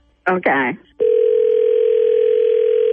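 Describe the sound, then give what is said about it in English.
A brief voice, then a click and a loud, steady telephone dial tone that hums on unbroken for about two seconds, as a three-way phone call is being set up. “I want you to call from your phone. Uh-huh. And put us on three-way and say, hey, you need to talk to these people.”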